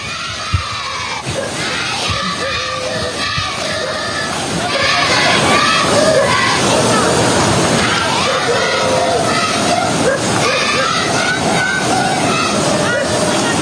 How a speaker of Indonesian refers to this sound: Sebuah rekaman milik warga memperlihatkan sejumlah siswa dari SD Negeri Olfab di Timur Tengah Utara, Nusa Tenggara Timur menyorakkan yel-yel ayo maju-maju kepada sejumlah ASN.